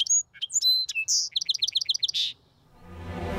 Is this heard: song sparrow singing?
yes